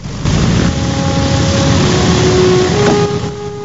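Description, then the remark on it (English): Engines of the B-17 bomber Memphis Belle as it taxis off its hard standing: a loud, steady rumbling drone with a whining tonal hum that shifts slightly in pitch. It starts abruptly and eases a little at the end, with no voices. “The wheels slowly turn, and the aircraft's nose seems to lollop as the B-17 pulls away.”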